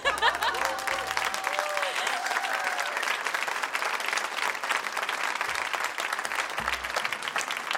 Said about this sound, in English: You want to clap, yeah?